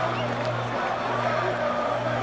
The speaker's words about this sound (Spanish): Así cantan los paraguayos.